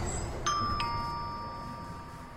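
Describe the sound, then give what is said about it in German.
A doorbell chimes twice in a ding-dong pattern, two clear bright tones ringing out and lingering over a steady low background hum, with no one speaking. “Oh, eine Klingel.”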